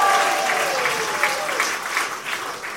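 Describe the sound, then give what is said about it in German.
An audience claps steadily and loudly, with scattered cheering voices rising above the dense applause, sustained for a few seconds without pause, cheering on the host's count of three at an evening show. “Also so ein bisschen so mit Jubel.”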